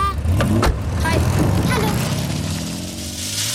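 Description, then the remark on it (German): A big car rolls up on a street, its engine a deep, steady rumble that shifts in pitch as it slows, with a few short, brighter sounds over the top, as a boy gets out of it. “Der Junge steigt aus einem dicken Auto.”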